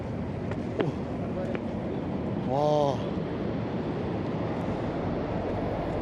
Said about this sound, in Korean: 정상에 가까워질수록 커지는 화산의 소리. 아, 이제 정상에 다 왔는데 이 무슨 물소리 비슷한 게 들리고 그 유황 냄새가 좀 심하게 나고 있습니다.